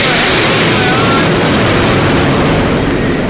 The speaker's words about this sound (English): That was a big jet aeroplane.